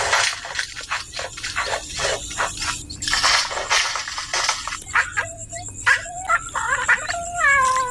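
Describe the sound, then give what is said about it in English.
A bowerbird in a River Red Gum mimics a cat's meow, giving a run of short, wavering mewing calls over a busy, rustling outdoor background, with no one speaking. “Not only did our bow bird mimic cats, but what can only be described as someone messing around in the men's shed.”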